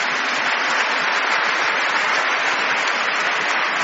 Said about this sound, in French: Je m'en voudrais de quitter le pupitre sans dire un grand merci à la chorale des enfants que je voudrais vous demander d'applaudir.